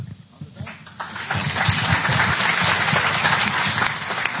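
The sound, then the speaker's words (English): An audience at a candidate debate breaks into applause that swells within the first second into a loud, steady wash of dense clapping, sustained to the end, with a voice faintly audible underneath. “Okay, that's the last time I'm going to allow you to applause.”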